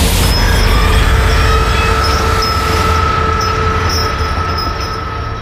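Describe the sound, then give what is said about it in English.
A phantom train rumbles loudly and continuously out of a school gym and through the hallways along its old route, with deep low-end roar, metallic wheel squeal and screeching tones above, gradually fading slightly as it moves along. No voices. “The final apparition is a phantom train that can be heard roaring out of the gym and shaking the walls of the hallways as it passes through its old route where the school was built.”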